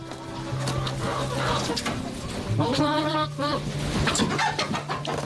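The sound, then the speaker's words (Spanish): A hen clucks in a run of short, repeated calls that swell into a louder drawn-out cackle midway, over a low, steady background hum. “Vive como si fuera una gallina.”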